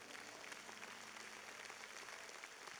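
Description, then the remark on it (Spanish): Steady audience applause, a dense continuous patter of many hands clapping at even loudness for the whole stretch, with no voices standing out. “Dale un fuerte aplauso.”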